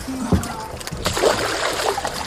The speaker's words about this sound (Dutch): Plonst hij het water in en is hij weer weg. Naar de diepte.